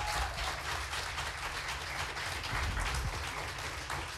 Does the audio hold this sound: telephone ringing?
no